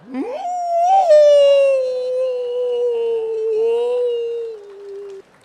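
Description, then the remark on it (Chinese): A man's voice imitates a wolf howl as a mock vocal warm-up: one long, loud, sustained call that swoops up at the start, then slowly glides down in pitch for about five seconds before cutting off. “这是狼叫唤呢。”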